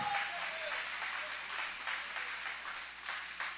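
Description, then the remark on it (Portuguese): A church audience applauds in praise, a dense wash of many hands clapping at an even level throughout, with no voices standing out above it. “Pode aplaudir, pode adorar, pode louvar com alegria.”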